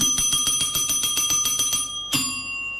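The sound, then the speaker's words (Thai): A bright bell dings rapidly about a dozen times in quick succession on a morning show of MCOT 102 Surat Thani radio, pauses briefly, then gives one final ding that rings out and fades. Clear, with no voices. “กดกระดิ่งเรียกซับเช่นเคยนะคะ”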